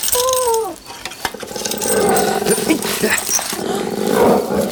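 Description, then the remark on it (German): A dog named Bob, its paw caught in a fox trap as someone tries to open the trap, gives a brief high whine, then breaks into loud, rough, continuous growling that rumbles on for several seconds with no talking over it. “Die muss ihm erst eine Betäubungsspritze geben. Vorher lässt er niemanden an die Pfote.”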